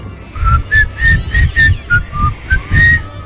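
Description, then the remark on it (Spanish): A person passing outside a bedroom door whistles a short melodic tune, about eight clear notes rising and falling in steady succession, with a low muffled rumble pulsing underneath and no talking. “Esta muchacha está con su novio durmiendo y en eso empiezan a escuchar que afuera de la puerta de su cuarto pasa alguien silbando.”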